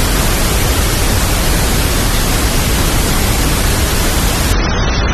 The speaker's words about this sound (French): Voici un exemple de bruit rose. Et l'intitulé, c'est pour dormir. C'est marqué acouphène, bébé, relaxation.